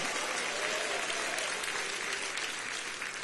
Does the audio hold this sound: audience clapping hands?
yes